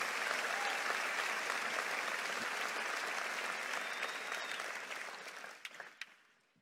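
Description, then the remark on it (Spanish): Loud, sustained applause from the audience of the Grace Español church, a dense wash of clapping that holds steady for several seconds before thinning into a few last scattered claps and fading out. “Si le vas a aplaudir, hazlo fuerte, vamos, hazlo con fuerza.”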